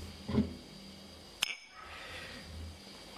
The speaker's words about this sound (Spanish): Se empieza con un brindis.